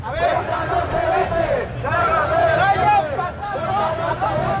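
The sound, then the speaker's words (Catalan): A large crowd of up to 1,700 people marching on Passeig de Gràcia in Barcelona in defence of Ceuta and Spanish unity chants slogans such as "Ceuta no se vende, Ceuta se defiende" and "Catalunya és Espanya" in unison, loud and continuous, voices rising and falling in rhythmic phrases over a steady roar of many people. “Sota crits com Ceuta no se vende, Ceuta se defiende o Catalunya és Espanya, fins a 1.700 persones, segons la Guàrdia Urbana, han clamat a favor del poble ceutí al Passeig de Gràcia de Barcelona.”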